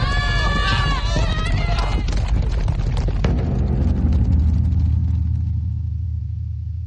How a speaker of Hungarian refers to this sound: valami iszonyatos lódobogás. De ez nem a rajt, ez valami, nem is tudom. Az istállóból, mintha egy egész ménes vágtatna ki. Mi ez? Szabadjára engedték a lovakat. Valaki hajtja, üldi őket egyenesen bele a tömegbe.